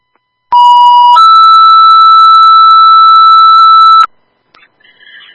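Loud, steady electronic alert tones from an emergency dispatch pager, sent to call a driver for an ambulance: one pitch held for about half a second, then a higher long tone for three seconds, followed by faint radio crackle.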